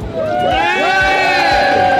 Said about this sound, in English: Come on, louder than that, people. Louder than that. Keep it. Keep shouting. Keep up the tempo.